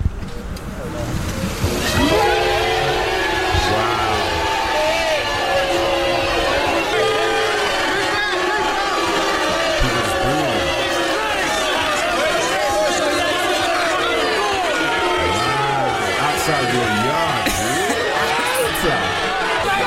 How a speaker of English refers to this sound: So imagine all this. It was like about 1,000 people outside man's house and then this.